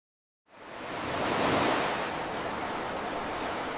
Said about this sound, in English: I love the roar of the ocean and the sounds of the seabirds.